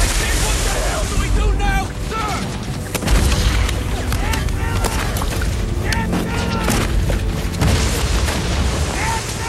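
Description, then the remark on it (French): Naval cannon fire booms and rumbles in the distance in a dense, noisy wash as navy guns bombard beyond hills, with sharp blasts around three seconds and near the end, while muffled voices carry underneath. “on pouvait voir un canon faire feu, ou peut-être entendre un grondement au loin, parce que ces canons de la marine bombardaient”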